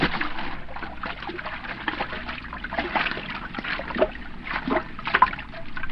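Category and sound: nature, person swimming through water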